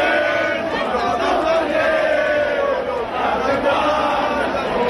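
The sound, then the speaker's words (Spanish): A large crowd, mostly young people, many with Francoist flags, sings Cara al Sol together in loud, steady unison at the Puerta del Sol after the 12 October parade, heckling housing protesters camped there; voices blend into a dense, continuous roar with a sustained melodic line running through. “Lo hicieron cantando el Carro al Sol.”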